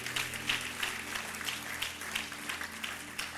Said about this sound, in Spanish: Denle un aplauso fuerte.